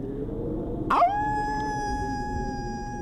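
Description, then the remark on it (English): A person imitates a wolf howl: a single sustained voice that swoops up sharply, then holds a steady, clear wailing tone for a couple of seconds, fairly loud over a low background rumble. “Pretend you're a wolf howling.”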